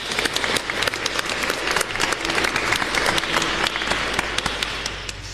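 A crowd applauds steadily, many hands clapping in a dense, fast patter that holds at a fairly even loudness throughout, tapering only slightly at the end. No one speaks over it.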